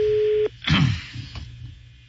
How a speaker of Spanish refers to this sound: Está sonando. Bájale un poquito el teléfono, está viciando.